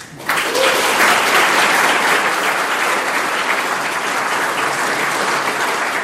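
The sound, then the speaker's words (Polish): An audience greeting Professor Antoni Dudek breaks into loud, sustained applause after a brief quiet start, a dense steady wash of clapping that holds at a fairly even level for several seconds with no speech over it. “Te oklasku pewnie umierze, nie muszę nic więcej mówić.”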